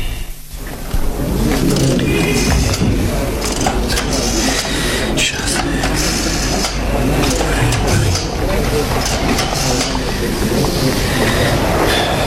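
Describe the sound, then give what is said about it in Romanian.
A tram rumbles steadily along its rails on a street, with low grinding, metallic clatter and faint wheel squeal throughout, while voices talk now and then over the noise. “Aș vrea să te simt perfect mulțumită, mergând pe străzile astea prost pavate, atentă să nu te calce tramvaiul.”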